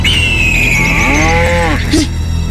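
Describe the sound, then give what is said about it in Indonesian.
A cow moos once, a drawn-out, throaty call that swells and then trails off, set against a steady background hum with no talking. “Kau bersuara lagi. Nggak lama kau dimakan sama itu burung raksasa.”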